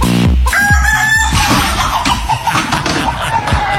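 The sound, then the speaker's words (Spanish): A rooster crows loudly, one long strained cock-a-doodle-doo rising over a dense, noisy background, with a short low thud at the very start. “Que no le pase nada al gallo, por favor.”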